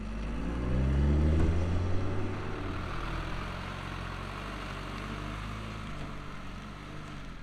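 A heavy diesel engine idles with a steady low rumble, swelling briefly near the start before settling into a constant drone. No one speaks.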